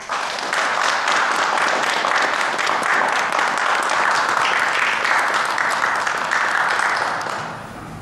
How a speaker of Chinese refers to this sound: 现在我建议老学员以掌声欢迎新学员。